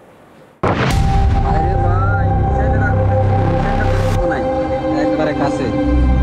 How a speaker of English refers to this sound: Residents say they heard a round of explosions after the alerts went out overnight.